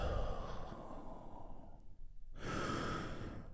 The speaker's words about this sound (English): And I want you to take a big, deep healing breath with me right now. Here we go. And release.